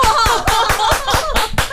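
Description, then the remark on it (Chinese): Audience applause in a steady, rhythmic beat welcoming a rock singer as a guest to a livestream in Fuzhou: roughly nine sharp, loud claps in under two seconds, with cheering voices mixed in underneath. “我喜欢这个掌声，哎， 太有力量了。”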